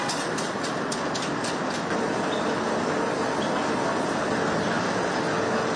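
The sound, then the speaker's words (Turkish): A cable lift hauls a hooked load of freshly picked green tea leaves uphill on its way to a tea factory, with a loud, steady mechanical rumble and whir, a quick run of rattling clicks in the first couple of seconds, with no voices. “Şimdi teleferik sistemine kancayı taktık. Yukarı çekeceğiz.”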